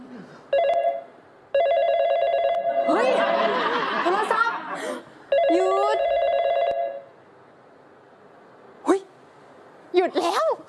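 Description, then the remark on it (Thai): A phone rings in repeated electronic bursts, each a steady multi-tone trill lasting about a second, with laughter and voices breaking in between the rings and after they stop. “โทรศัพท์หยุด”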